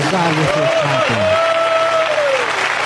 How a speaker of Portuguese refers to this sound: podem louvar a Deus com palmas para Jesus.